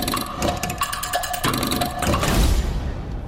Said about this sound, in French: Tic-tac.